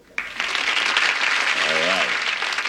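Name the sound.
studio audience applause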